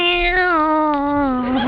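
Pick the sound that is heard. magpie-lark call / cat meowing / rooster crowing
cat meowing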